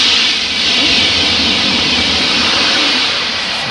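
A TGV high-speed train rushes past, a loud, steady roar of hissing wind and rumbling rail noise that fills the whole few seconds with no voices.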